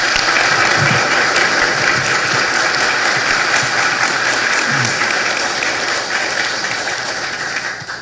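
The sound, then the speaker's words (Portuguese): A large crowd at the parish of Nossa Senhora Rainha dos Apóstolos applauds to welcome Cardinal Dom Urani, who is to celebrate Mass for the parish's patron saint, a dense wash of many hands clapping at once that holds loud and even throughout before easing slightly at the end, with no talking over it. “Com muita alegria, com muito carinho, queremos recebê-lo com nossa salva de palmas.”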